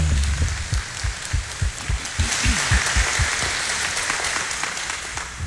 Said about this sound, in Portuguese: Uma salva de palmas à Virgem Maria.